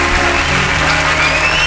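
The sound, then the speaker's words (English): A crowd applauds steadily, a dense wash of many hands clapping at a constant, loud level with no voices standing out. “Clapping, clapping, clapping.”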